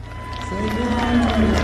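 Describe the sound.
An audience claps and cheers in a steady, dense wash of noise, with a raised voice holding a long shout over it and a low rhythmic thumping underneath.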